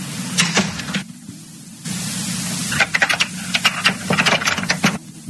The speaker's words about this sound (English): He done locked the door.